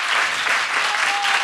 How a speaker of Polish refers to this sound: I też brawa dla wszystkich tych, którzy tak pomogli nam, żeby to się wszystko udało.